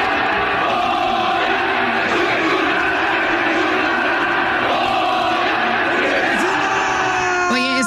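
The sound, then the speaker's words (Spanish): A large stadium crowd chants and yells "Goya, Goya" together in a loud, sustained roar, with coach Efraín Juárez shouting along in front of the crowd, voices rising in waves, with a sharp whistle or shout cutting through near the end. “Efraín Juárez fue de la mano con su hijo y gritó así con el público, ¿no?”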